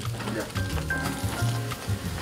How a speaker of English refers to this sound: places pork belly on the grill, it produces a mouth-watering sizzling sound.